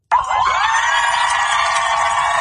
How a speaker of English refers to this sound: The USS Abraham Lincoln is back home in San Diego. A large crowd of cheering family members and loved ones greeted the aircraft carrier as it pulled into port today, including this woman who said her son had yet to meet his daughter.